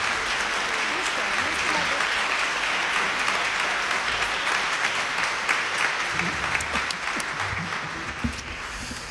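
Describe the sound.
Sustained audience applause for a performer at a concert with an orchestra, a dense, steady wash of many hands clapping at an even loudness throughout, with faint voices mixed into the crowd noise.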